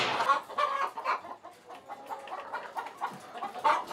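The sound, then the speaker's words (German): Several chickens cluck and murmur continuously in a henhouse with lit tiers where the hens come back to lay their eggs, a busy overlapping chatter of short calls with no one talking. “Dass die Hühner halt immer den Reflex haben, hier wieder herzukommen und nicht draußen irgendwo im Gras die Eier legen.”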